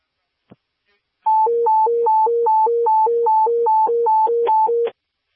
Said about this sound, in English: Receive command, give me alert tones.